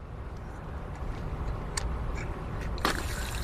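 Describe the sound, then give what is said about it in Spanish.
A steady stream of water runs from a building's maintenance water spigot outdoors in an urban setting, a continuous rushing trickle with a couple of sharp metallic clicks and faint street rumble in the background. “Esta es una llave de paso de agua. Muchos edificios tienen estos grifos de mantenimiento.”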